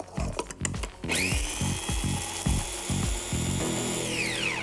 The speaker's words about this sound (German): Und ich benutze hier wieder meinen alten Trick. Ein bisschen Mehl mit dem Pfeffer rein in den Mixer und das alles schön zermahlen. Das gibt die volle Aromatik.